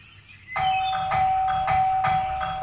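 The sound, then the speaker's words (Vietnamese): A house doorbell, pressed a second time by visitors, starts ringing suddenly and keeps going, with about five bright chimes in steady succession over a sustained ringing tone, loud, with no voices. “Khoảng, nhấn chuông lần nữa xem.”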